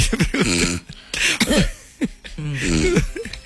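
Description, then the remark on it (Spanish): A person coughs a little and clears their throat several times in short voiced bursts, fairly loud, as if acting out a mild coughing fit, on realising they had dozed off and snored. “Ronca y tose un poquito cuando se da cuenta.”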